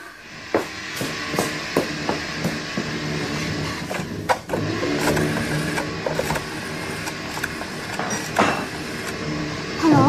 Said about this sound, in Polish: No musi, wie pan. Ale spłuczka.